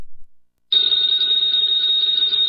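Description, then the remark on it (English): A telephone bell starts ringing after a short pause and keeps going, a loud, steady, shrill ring that continues unbroken to the end, with no one speaking. “Ladies and gentlemen, that phone bell means adventure.”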